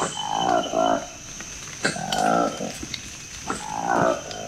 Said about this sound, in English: This audio was recorded by the Congolese research team. We call it the roar of the colobus. It's a really distinct sound in the rainforest.